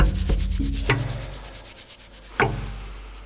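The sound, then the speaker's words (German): A woman scrubs a man's back with hot water on a kitchen floor, rough scrubbing strokes rubbing back and forth in an uneven rhythm, with a few sharper, harder swipes standing out from the steady, raspy friction. No one speaks. “Sie schrubbt seinen Rücken mit heißem Wasser.”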